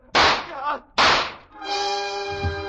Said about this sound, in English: Her gun spit and three slugs plowed their way through Michelle.